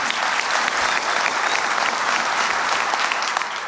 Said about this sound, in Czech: Já vám řeknu, že potlesk je naprosto opojná věc. Opravdu. My si vlastně, my, kteří jsme na jevišti, říkáme, že potlesk je naše jediná odměna. Fakt to tak je.